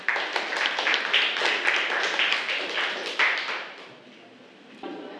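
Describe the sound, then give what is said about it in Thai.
A class claps together for student group 1 after an essay-arranging lesson activity, dense, steady applause for about four seconds, the clapping thinning and fading out, followed by a brief quieter rustle near the end. “ค่ะถูกต้องนะคะขอเสียงปรบมือให้กับเรียงใหม่ไปด้วยกันกลุ่มที่1ด้วยค่ะ”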